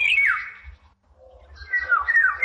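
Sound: bird call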